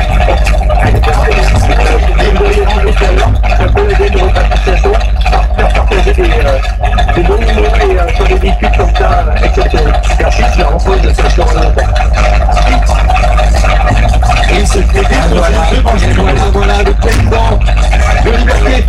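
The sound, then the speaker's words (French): A car engine drones steadily throughout a ride through the countryside, a loud, constant low rumble with a sustained hum above it, while muffled voices talk indistinctly underneath. “Le fait d'être dans une voiture comme ça avec ses lumières, c'est pour son l'odeur du moteur, l'odeur de la campagne, le vent, sa ventile, sa planchement”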